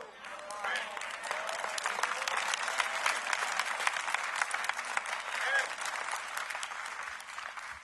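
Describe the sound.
An audience claps steadily for several seconds, a dense, even patter of many hands that holds at a fairly loud level throughout, with a few voices faintly mixed in.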